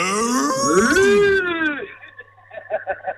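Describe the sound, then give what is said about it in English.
A voice imitates a cow's moo: one long, loud, drawn-out call with a rising and falling pitch, followed by a few short, choppy vocal bursts. “My daughter's been listening since 9 o'clock and she's like, when are they going to do the moo?”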